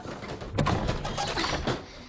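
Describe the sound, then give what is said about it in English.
A stuck antique wooden drawer, swollen after a storm, scrapes and rattles as it's yanked in several jerky tugs, a rough grinding friction that never quite slides free. “The drawer is stuck.”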